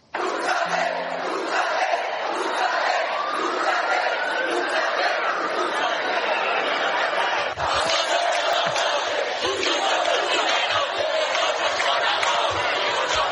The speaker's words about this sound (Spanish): Vámonos ahora a los gritos que se han lanzado en la acampada Sol. Escúchenlo.